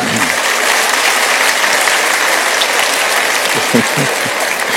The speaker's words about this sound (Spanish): No sé exactamente qué aplauden, pero me imagino que es a Víctor Hugo, ¿no es cierto? O sea, a Víctor Hugo por haber establecido ese récord inalcanzable.